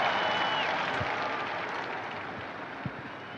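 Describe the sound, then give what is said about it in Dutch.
A large crowd applauds steadily in the open air as Pope Leo XIV appears on the top floor of the Apostolic Palace on the feast of the Holy Trinity, a dense wash of clapping that holds for a few seconds and eases only slightly. “Applaus weer klinkt, daar komt de Heilige Vader.”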